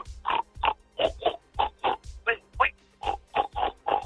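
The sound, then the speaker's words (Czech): A man imitates a pig from Vršovice in a pig-grunting contest, grunting and oinking in a quick run of about a dozen short, throaty bursts. The voice is fairly loud, with brief pauses between grunts. “jestli až předvejš svůj vršovický chrochyt”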